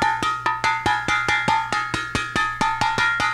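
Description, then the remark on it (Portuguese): A cooking pan is banged rapidly and steadily to wake people up, about a dozen bright metallic clangs with ringing overtones, each hit decaying briefly before the next. No voices accompany the clanging. “Vamos acordar, bater panela pra acordar esse povo, rapaz.”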